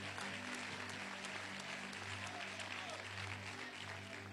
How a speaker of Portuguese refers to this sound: Podem tomar seus lugares e glorifiquem o nome do Senhor Jesus com as palmas. Glória a Deus.